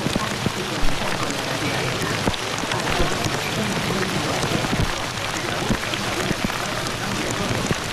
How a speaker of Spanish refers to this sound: A ver si Cabrera nos puede poner cómo suena el granizo golpeando contra los cristales de aquí de la cabina